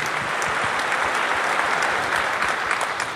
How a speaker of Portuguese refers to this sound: Tem alguém também que está fazendo aniversário de casamento, também no nosso meio, aqui na frente, aqui também. Tem um casal de ministros também que estão aqui também fazendo. Uma salva de palmas para eles também nesta hora.